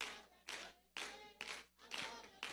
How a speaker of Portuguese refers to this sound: Bate as palmas da glória!